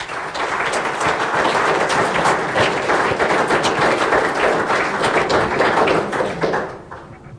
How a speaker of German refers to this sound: Herzlichen Applaus.